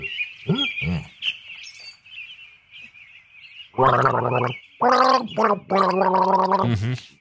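Someone gargles a small sip of water while humming through it for a listener guessing game, producing a few short bubbling bursts and then longer, loud, pitched gurgles that seem to trace a tune. A thin, steady high tone runs underneath.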